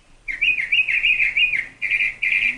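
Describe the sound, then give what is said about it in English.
A bird with a varied repertoire of songs sings a loud, clear run of whistled, warbling phrases, the pitch swooping up and down in quick repeated waves, with short pauses between the last few phrases and no talking. “I love this one because he's just got so many different songs, and there's this really kind of lonely, cool quality about his call that it lulls me to sleep.”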